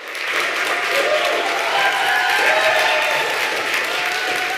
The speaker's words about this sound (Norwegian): Nobelkomiteen hadde vist ikke fått tak i Navi Pillay enda da de offentliggjorde nyheten, for hun på en menneskerettighetskonferanse i Nürnberg i Tyskland, men der fikk hun stor applaus da nyheten ble kjent.